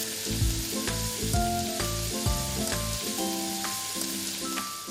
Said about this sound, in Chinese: 加入葱花，大火快速的翻炒。